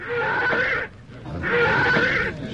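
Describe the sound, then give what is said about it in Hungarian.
A spooked horse that has thrown its rider whinnies loudly twice in quick succession, two shrill, strained calls separated by a brief pause, sounding agitated. “Nézd csak, Jusszuf lova megbokrosodott, levetette gazdáját.”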